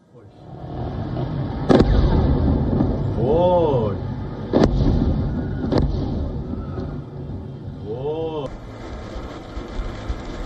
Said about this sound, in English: This video that surfaced from social media shows explosions in Iran's major port city of Bandar Abbas.